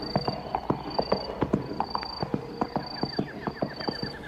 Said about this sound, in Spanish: mirada y rumbo el coplero pone para su caney, cuando con trote sombrío oye un jinete tras él.